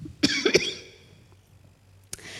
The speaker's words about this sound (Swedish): Ska bara hosta lite först.